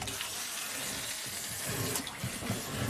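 A wind-up toy fish, wound up again, paddles in a bucket of water, making a steady churning splash with small irregular sloshes throughout and no voices.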